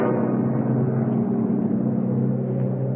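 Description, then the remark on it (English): A rescue plane's engine drones steadily overhead, a loud, continuous low hum with thick throbbing tones that hold without a break. No voices are heard. “A plane! It's coming over us!”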